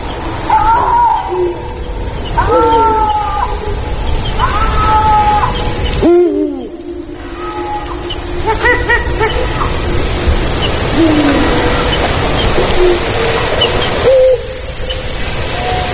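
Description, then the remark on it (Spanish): Lynx yowling on an autumn night: a series of drawn-out, wavering cat-like cries rising and bending in pitch, repeated several times over a steady background hiss like light rain. No one speaks. “unos maullidos como de un gato enfadado, unos maullidos destemplados, son los maullidos de los linces”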